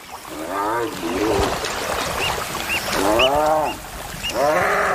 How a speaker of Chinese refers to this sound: 它此刻遇到了竞争对手，被另一只斑鬣狗牢牢咬住，无法挣脱。